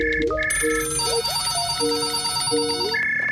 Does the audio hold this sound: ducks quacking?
no